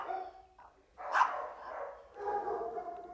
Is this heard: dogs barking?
yes